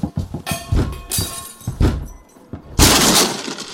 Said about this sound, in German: Sofort aufmachen oder wir brechen die Tür auf.